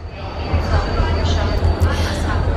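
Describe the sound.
A steady low rumble of a moving train carriage runs throughout at an even level, with faint indistinct voices mixed into the background.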